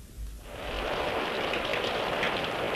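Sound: heavy rain falling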